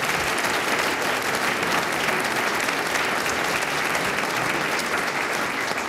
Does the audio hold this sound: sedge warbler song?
no